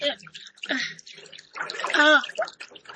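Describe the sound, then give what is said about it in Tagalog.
Water splashing and sloshing as a child is bathed, in irregular bursts that grow busier toward the end, with a child's voice and adult talk mixed in. “Sige, tanap na sa tubig.”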